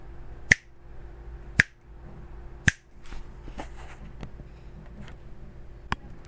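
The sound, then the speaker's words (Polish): Three sharp finger snaps about a second apart, then a pause and a fainter fourth snap near the end. They are made to demonstrate an audio limiter. A low background hum and a few soft clicks fall between them. “Więc jeszcze raz dla przypomnienia, limiter, jeżeli ja coś powiem albo pstryknę, to wróci w takim tempie do dźwięku oryginalnego.”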